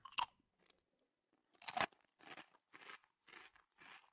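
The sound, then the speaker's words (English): Crisp crunching of a snack: two sharp bites, then four steady, evenly spaced chews, each a short crackly burst, with no talking. “Sit, I'll get something to crunch.”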